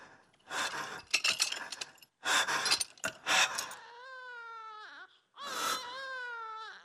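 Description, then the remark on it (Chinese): A baby cries loudly in long, wavering wails coming from a prison, one breaking off before the next begins, after a few seconds of harsh, noisy bursts that sound like clattering. “是婴儿的啼哭声吗？”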